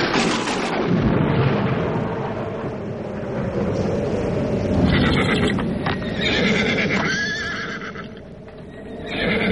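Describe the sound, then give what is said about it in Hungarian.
Deep, rolling thunder rumbles steadily throughout, while horses whinny and neigh over it in the second half, with a few hoof-like clops as the horses paw the ground. “Már dörög az ég, haja?”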